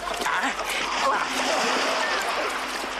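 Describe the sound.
Continuous, energetic splashing of water as a man waving his arms runs into a river, charging through the shallows, with a dense churning wash of sound and a faint voice somewhere underneath.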